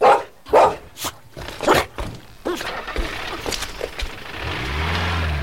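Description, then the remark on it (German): A dog barks several times in quick, loud bursts near the start, then quieter yaps follow over a low rumbling background, like a passing vehicle. “Und pass bloß auf diesen gefährlichen Hund auf.”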